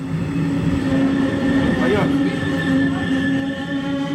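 The RE4 regional express train pulls into Rathenow station in Germany, its deep steady rumble overlaid with a sustained electric whine and faint metallic squeals throughout.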